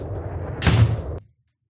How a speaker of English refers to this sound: Let me shut this door.